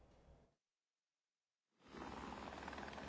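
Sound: helicopter flying overhead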